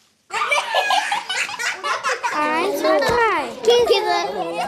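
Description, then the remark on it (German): Young children in a Juniorklasse (a preparatory school-year class) at the Vogelstangschule in Mannheim, counting, singing and dancing, make a loud, continuous din of overlapping high-pitched voices, shouts and laughter, with excited squeals rising and falling throughout. “Zählen, singen, tanzen. All das steht auf dem Programm in der Juniorklasse der Vogelstangschule. Und dabei kann es auch mal ganz schön laut werden, habe ich gemerkt.”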